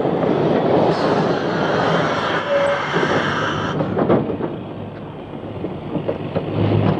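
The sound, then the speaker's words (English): A city train comes along the line, a loud, steady roar of engine and wheels with faint metallic clatter, holding constant throughout with no voices. “He'll be on the next city train. I can just see it coming along the line now.”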